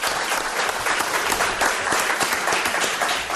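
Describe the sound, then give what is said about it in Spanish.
A steady burst of audience applause on a programme, welcoming two guests from Tenerife, dense and loud, with many hands clapping in a continuous wash of sharp claps for a few seconds, no voices clearly standing out. “Os pido un aplauso para estos dos señores que llegan de Tenerife a nuestro programa.”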